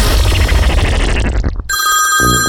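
A dense, noisy wash cuts off abruptly, and a telephone starts ringing: a bright, steady electronic ring with high sustained tones and a pulsing low beat underneath.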